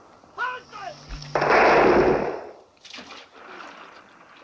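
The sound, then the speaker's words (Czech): A single heavy cannon blast at sea booms and rolls out into a long, rushing roar for about a second before fading, with brief voices speaking just before and after. “Dělo nás pohřbilo dokonale.”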